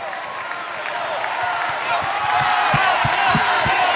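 A concert crowd in Milan breaks into steady applause welcoming Mario Volanti, president of Radio Italia, dense clapping swelling slightly louder over the few seconds, with scattered cheers and whoops mixed into the noisy wash.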